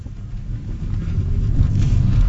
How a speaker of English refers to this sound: This is my company car, and I drive it everywhere, every day. And it's an electric car. Was it made nearby here in the VW course, factory? Of course, yeah. Made in Zwickau.